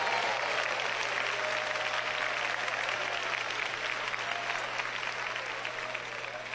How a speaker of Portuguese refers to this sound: Podem dar glória a Deus, podem bater palmas para Jesus.